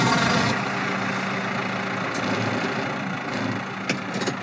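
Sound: tractor engine idling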